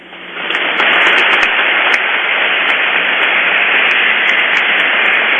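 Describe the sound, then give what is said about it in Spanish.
A church audience breaks into applause for the firefighters of La Vega on their 34th founding anniversary; it swells over the first second, then holds as a dense, steady wash of clapping for several seconds, loud and unbroken, with no voices over it. “Hoy le queremos dar la bienvenida a los bomberitos, quienes cumplen sus 34 años de fundación en La Vega, a los cuales le pedimos un fuerte aplauso para ellos.”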